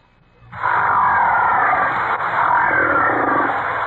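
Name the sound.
whale vocalizations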